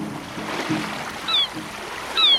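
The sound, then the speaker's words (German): Steady surf washes and rumbles throughout, with two short, high seagull cries breaking through, one partway in and another near the end. “Ach, Wellen, Rauschen und Möwen sind für mich einfach der schönste Wecker.”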